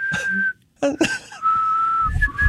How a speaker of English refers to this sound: You know, I don't often whistle at 6 a.m. in the morning, but if I am, it's going to be with you